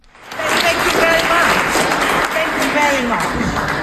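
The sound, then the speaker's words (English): A crowd at a meeting in Nuremberg, Germany applauds steadily around Navi Pillay after news of her award, dense clapping with a murmur of voices mixed in beneath the sustained ovation. “As people applauded around her, she made this joke.”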